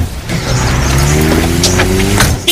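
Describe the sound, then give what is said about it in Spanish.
A car drives along at steady speed, its engine humming with a rising whine and tires rolling on the road, fairly loud for a few seconds. “En tu coche.”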